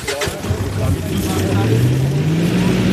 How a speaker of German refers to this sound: Der große weiße Behälter auf dem Truck ist voll mit Fischen. Los geht die kurze Fahrt rüber zur Eisel.